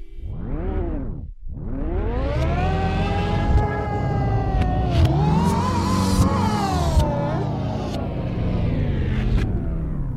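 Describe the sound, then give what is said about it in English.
A song played backwards: dense, loud music whose tones swell up and then cut off abruptly, with warbling sustained layers and a smeared low rumble throughout, and no voices. “I'm curious what this sounds like backwards. Let's hear that last song backwards.”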